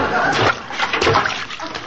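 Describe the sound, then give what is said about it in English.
Diced cubes of potato, 7 to 11 potatoes by the recipe, tumble into a pot of water with a burst of loud splashing and sloshing that continues unevenly for a couple of seconds. “Now stand back. I don't want to splash anybody.”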